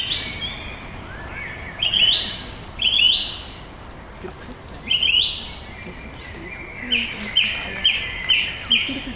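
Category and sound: bird, thrush singing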